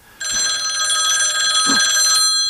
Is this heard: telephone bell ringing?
yes